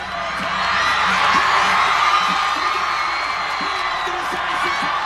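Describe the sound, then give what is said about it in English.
Thousands of Spanish football fans at Boston City Hall Plaza, Massachusetts, celebrate Spain beating Argentina 1-0 in the World Cup final with a dense, steady roar of cheering and whooping, sustained and loud throughout, with scattered individual shouts standing out from the din. “For Spanish fans, it was a moment to celebrate.”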